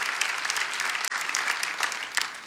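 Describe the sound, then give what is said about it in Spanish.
An audience breaks into steady, dense applause for Jesus, many hands clapping at once in a continuous wash of sound with a brief dip partway through, no voices standing out. “Vamos, dale ese aplauso a Jesús si lo crees.”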